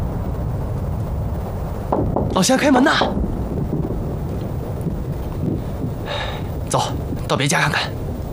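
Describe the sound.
Steady rain hisses throughout, with a low rumble of thunder underneath, while voices briefly call out over the downpour in two short bursts; the rain falls on the village of Chenzhuang.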